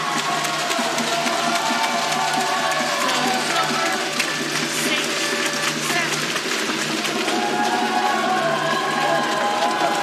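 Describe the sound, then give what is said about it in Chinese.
Excited Chinese spectators cheer at a match, a dense, steady crowd roar that stays loud for the whole stretch, with overlapping voices and shouts blended into the din. “现场的中国观众这个时候很兴奋”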